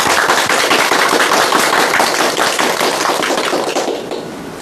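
An audience applauds in welcome before a demonstration recitation of a poem, a dense, crackling wash of many hands clapping at once that holds for about four seconds before tapering off at the end. No voices are heard.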